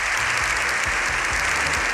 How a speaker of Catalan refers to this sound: Més de 7 minuts d'aplaudiments, aquests que sentim, dels aplaudiments més llargs que recorden al Congrés dels Diputats, en una imatge inèdita d'un congrés que per un matí ha aparcat la discussió política.